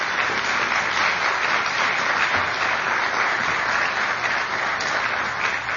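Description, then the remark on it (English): A crowd in the former original House chamber of Congress applauds steadily, giving a round of applause to the staff who readied the buildings and grounds. It is a dense, even wash of many hands clapping at a constant loud level for several seconds with no voices standing out. “I'm grateful for their dedication, professionalism, and stewardship of this sacred place, and I hope you'll join me in giving them a round of applause.”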